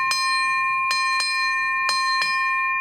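A ship's bell rings out five bright, metallic strokes: one on its own, then two quick pairs, each tone humming on between strikes with no voices present.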